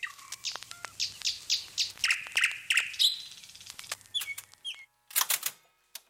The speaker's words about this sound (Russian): И вот весной к нам приходят со всех концов Москвы, приезжают сюда, в Кузьминский парк, чтобы послушать этих соловьев.